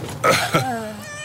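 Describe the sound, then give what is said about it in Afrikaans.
A stray cat, found under a blanket in a bus with a whole litter of kittens, gives a short meow that slides downward in pitch, followed by a thinner, higher mew, with a brief rough, breathy sound at the start. “'N kat.”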